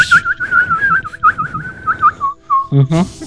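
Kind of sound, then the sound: vocal imitation, whistled bird call imitation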